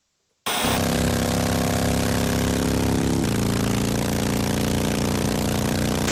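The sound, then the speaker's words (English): A motorbike engine runs loud after a brief silence, a steady buzzing drone that shifts slightly lower in pitch partway through, with no voices. “Which one of those was a motorbike? I would say the first one.”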